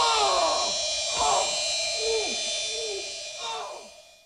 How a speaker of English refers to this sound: What? I'm just mowing the lawn. No, it's blazing hot and dry out here.